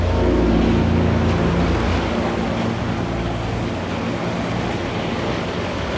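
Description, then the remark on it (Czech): Rough, stormy sea waves churn and crash continuously, a loud, dense roar of surf with a low rumbling undertone and no voices. “Moře je pořád rozbouřený.”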